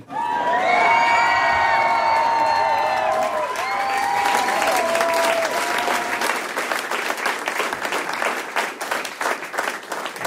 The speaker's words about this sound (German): Jubel!